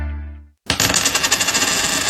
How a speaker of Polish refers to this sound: Remont czy wakacje? Rzućmy monetą. A może jedno i drugie?